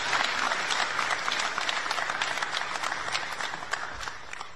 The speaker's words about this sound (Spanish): Un agradecimiento muy especial al Grupo Argos, quienes al día de hoy se suman a la reconstrucción de la Patria Milagro con 300 casas de rápida construcción para las zonas afectadas, de las cuales 200 son para el Chocó. Un aplauso para Argos.